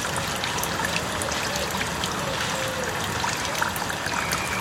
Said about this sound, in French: Ambiance au mois de juillet à la Coulonche, avec cris de rapaces, bruit d'eau qui coule près de la fontaine.